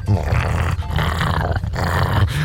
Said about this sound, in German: Ja, aber ein Schäferhund?